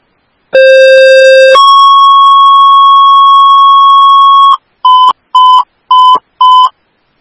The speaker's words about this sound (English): 1857, Grove Ambulance 1, standby for tones.